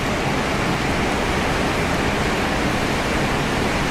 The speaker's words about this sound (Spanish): si yo dejo de hablar ahora, dejo. No hablo, tú no decís nada, dejamos nada más que la lluvia. ¿Querés escuchar la lluvia? Mira.